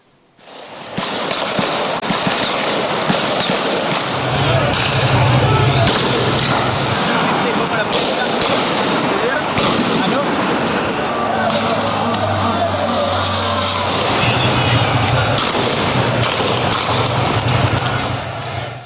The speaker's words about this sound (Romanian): Demonstranții au aruncat cu pietre, sticle, bețe și orice obiecte au avut la îndemână în direcția forțelor de ordine, nemulțumiți de desfășurarea discuțiilor din Senat pe tema controversatei reforme. Jandarmii au ripostat cu gloanțe de cauciuc